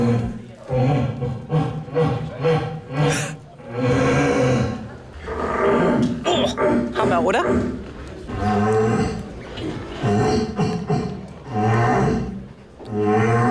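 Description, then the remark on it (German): Eight deer callers, including one woman, from Mecklenburg-Vorpommern, Lower Saxony and Brandenburg, compete by imitating roaring red deer stags, overlapping in long, loud, guttural bellows that rise and fall continuously, with a few brief spoken words between calls. “Insgesamt 8 Hirschrufer sind mit ihm angetreten.”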